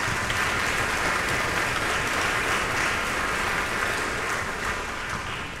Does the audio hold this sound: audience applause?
yes